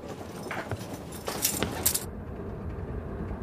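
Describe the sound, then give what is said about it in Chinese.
Metal keys jingle in a few bright, clinking bursts over about two seconds, then fade to a low background hum. No voices are heard. “钥匙呢？”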